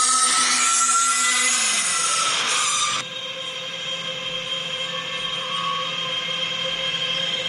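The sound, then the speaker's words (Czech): A steady, dense mechanical roar with a high hiss and a constant hum from the cooling of a data center in Massachusetts, USA, played back from a mobile phone, reportedly about 62 decibels and running 24 hours a day, dropping abruptly in loudness partway through and then continuing as a level drone with a tonal whine. “Já tady mám jedno datacentrum z Massachusetts a z Ameriky, a ten zvuk já vám pustím tak jako z mobilu, abyste měli jen tak jako zhruba představu, jo, jak to zní.”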